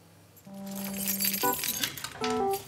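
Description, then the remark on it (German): Keys on a ring jangle, a busy stream of bright metallic clinks lasting a few seconds, with a low steady tonal hum in the background. “Für jede Tür haben diese beiden den passenden Schlüssel.”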